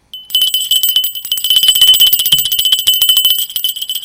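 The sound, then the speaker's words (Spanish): A small hand bell rings continuously for several seconds, shaken rapidly so its bright, high metallic tone rattles in quick repeated strikes, loud, with no voices. “Suena la campanilla.”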